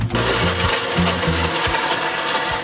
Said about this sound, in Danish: Så tilbage i køkkenet, hvor hun hiver sin blender frem og stiller den på køkkenbordet. Ned i blenderen med kagen, som så blandes med kakaomælk.